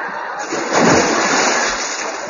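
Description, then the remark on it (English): A body crashes into water with a single broad splash, followed by a second or so of churning, sloshing noise that stays fairly loud before easing off. “Talent in the water.”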